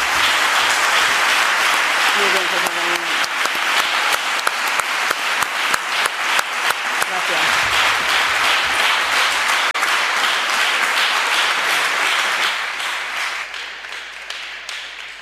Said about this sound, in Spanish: No es para menos, no es para menos. Tenían que recibir un aplauso inmenso los comunicadores de este texto, los responsables de Guanapix que lo han llevado al éxito